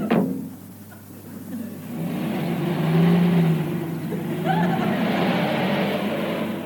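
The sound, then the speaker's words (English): Sid's car, carrying his henchmen, revs up and accelerates away in a quick getaway, its roar rising and swelling over several seconds as it speeds off, loud, with a brief sharp click at the start. “And the sound of Sid's car making a quick get away with all his henchmen as usual.”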